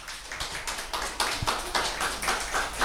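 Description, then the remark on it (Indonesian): A crowd applauds for performance number 8 by Raffi Alfarizi, with dense, overlapping hand claps that continue steadily throughout, fairly loud and without any talking over them. “Berikan tepuk tangan yang meriah dong untuk Bang Raffi.”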